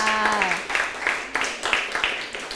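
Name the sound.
applause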